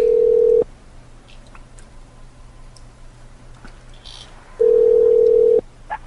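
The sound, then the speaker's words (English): A steady, loud telephone dial tone drones briefly, cuts off into several seconds of near silence with faint clicks as a number is dialed to call someone back, then the same flat tone returns for about a second before a small click. “Call him back and be insulted.”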